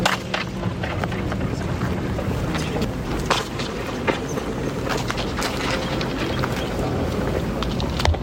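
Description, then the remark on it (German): Very long, up to sevenfold echoes fill a hall: a dense, steady rumbling wash, fairly loud, with sharp knocks and clacks scattered throughout that smear into the lingering reverberation. No one speaks. “man da zu sehr mit dem Fuß auf den Boden stapft, in die Hände klatscht oder sich räuspert oder hustet, hat man da ein sehr langes bis siebenfaches Echo”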